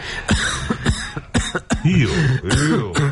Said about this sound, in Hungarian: Ó, köhögni. Aha.